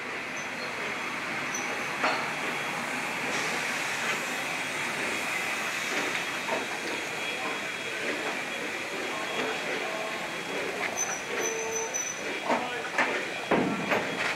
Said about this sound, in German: Tender voraus ist 475 in Sokolov eingefahren. Schlot voraus wird sie den Bahnhof wieder verlassen. Ein Fahrtrichtungswechsel ist vorgesehen. Deshalb muss die Lokomotive umsetzen.